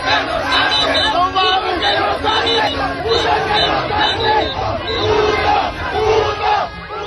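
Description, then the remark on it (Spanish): A large crowd of football fans of different ages on Paseo de la Reforma and Avenida Juárez in Mexico City shouts and cheers for the Mexican national team, voices overlapping in loud chants and whoops that swell and dip without pause for the whole stretch. “Los gritos, las porras y festejos de los aficionados de distintas edades hicieron vibrar el corredor de Reforma y Avenida Juárez, así como sus calles aledañas, donde cientos de comensales festejaban en restaurantes y bares cada gol de la selección”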